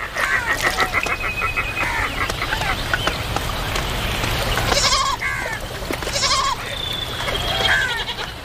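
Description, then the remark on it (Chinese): Several wild goats bleat repeatedly at a river where they come to drink, their wavering calls overlapping over a steady background hum and rustle. “丰盈的河流不仅滋养了鹈鹕，野山羊等其他动物也会时常来到这里饮水。”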